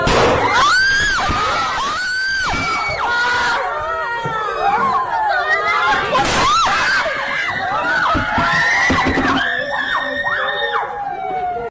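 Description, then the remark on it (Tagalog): Many students cry and wail together in a classroom during a shooting inside a school in San Jose, Tacloban City, Philippines, on a Monday morning, and a sharp gunshot cracks out midway before the distressed crying and shouting carry on. “Sa isang video nakuha sa loob ng isang classroom, maririnig ang iyakan ng mga estudyante. Maya-maya magugulantang sila sa putok ng barila.”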